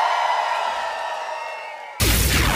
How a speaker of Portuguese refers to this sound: cadê o grito dos pagodeiros?